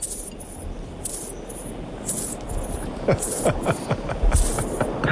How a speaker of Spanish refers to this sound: Parece un aspersor, ¿no? De césped, de estos.